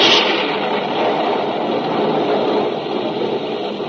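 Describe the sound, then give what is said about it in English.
A sharp, bright crack of a lightning bolt striking the beacon at Windy Point, on the coast at night, opens into a loud, steady roar of thunder that rumbles on without a break for several seconds. No voices are heard. “In the instant that the bolt hit, the beacon snuffed out and reappeared a moment later.”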